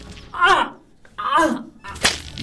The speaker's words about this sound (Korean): 비명 소리에 감독관이 달려온다. 하지만 피 흘리는 손을 움켜쥔 이에게 돌아오는 것은 무자비한 채찍질과 매질이었다.